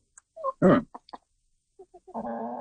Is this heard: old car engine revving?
no